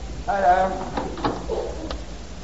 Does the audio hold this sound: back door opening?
yes